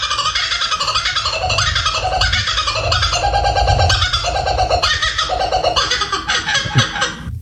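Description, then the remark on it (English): A kookaburra, an Australian bird, gives a raucous, laughing call that rings out loud, a continuous run of rapid cackling hoots rising and falling for several seconds with no talking. “Is it a kookaburra? Oh, all right. A kookaburra.”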